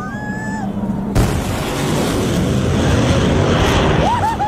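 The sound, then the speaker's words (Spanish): A single sudden, loud sonic boom as supersonic F-16 jets break the sound barrier cracks about a second in, then gives way to a sustained roaring rumble, with voices calling out before and after the blast. “Este es un video que encontré con detonaciones de cuando los aviones F-16 rompen la barrera del sonido, ¿cierto?”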